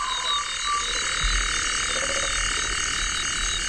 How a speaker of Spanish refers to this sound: Parece que están matando a alguien por ahí, pero es un damán, sin más.